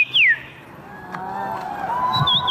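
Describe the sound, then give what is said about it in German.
A person whistles birdlike calls at the yearly bird-call imitation championship in Warsaw, Poland: a loud, swooping downward note, then thinner wavering tones and a high chirp near the end, over a low murmur of a crowd. “Denn in der polnischen Hauptstadt findet einmal im Jahr die Meisterschaft im Nachahmen von Vogelstimmen statt.”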